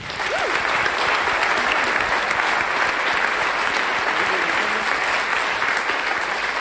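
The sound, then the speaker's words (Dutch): An audience in a cultural centre claps steadily for the technical crew, a dense, even wash of many hands at a constant loud level, with a few faint voices mixed underneath. “Mogen wij uw applaus ook voor de mensen aan de techniek.”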